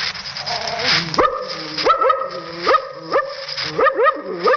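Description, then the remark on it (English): A man imitates a wary, suspicious dog, giving a run of short, rising yelps and gruff barks at a steady rhythm, fairly loud with no other sounds. “Suspicious dog like this.”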